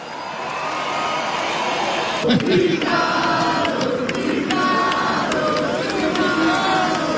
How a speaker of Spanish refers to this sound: quiero presentar al señor Ricardo Soule, guitarrista, cantante del mítico grupo …. Aplausos a Granello.